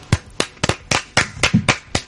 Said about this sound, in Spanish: ¿Y ahora por qué me aplauden? Ahora con las manos.